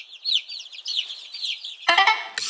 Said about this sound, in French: Ah tiens, en parlant d'œuf, voici la poule.